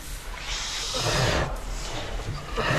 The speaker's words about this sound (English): I would say that is a pig in distress.